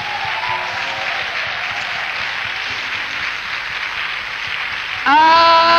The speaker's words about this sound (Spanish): Fuerte el aplauso. Vamos.